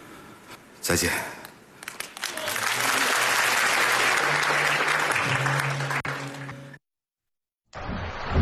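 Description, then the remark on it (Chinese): Audience applause at a Chinese crosstalk (xiangsheng) show swells into a dense, steady wash of clapping that holds for several seconds, then cuts off abruptly; after a brief silence, a short burst of sound starts up again. “谢谢大伙的掌声鼓励， 谢谢朋友们。”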